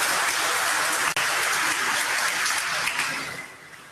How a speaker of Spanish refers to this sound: Un aplauso a Dios por ese gran amor que tiene por nosotros.